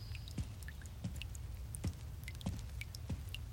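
Water drips from a leak in the roof during heavy rain, in about five distinct, hollow plinks spaced roughly half a second apart, over a low steady background rumble with faint scattered ticks. No one speaks.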